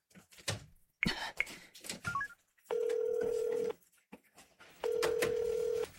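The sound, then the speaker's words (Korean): An outgoing phone call to a department manager rings: after some handling clatter and a few quick dialing beeps, two steady, long ringing tones sound clearly in turn, with a short pause between them. “언제부터 부장님한테 냉큼 전화 거는 게 자연스러워진 거지?”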